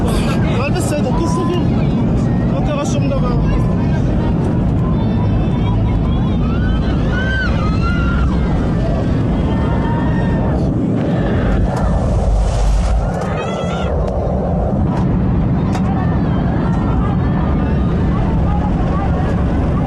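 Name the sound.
airplane engine roaring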